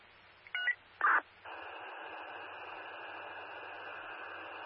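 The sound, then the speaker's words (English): Two short telephone keypad tones beep in quick succession, then give way to a steady hiss of line static that carries on to the end. No one speaks. “Sir, be advised, I have that party on the phone now.”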